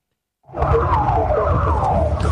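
A police siren wails loud, its pitch sliding downward over heavy engine and road rumble, as the president's motorcade drives up Posadas toward the Alvear entrance, heard from a car right behind the president's car.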